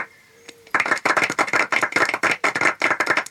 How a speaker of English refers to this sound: If anybody wants to clap, now's the time to do it.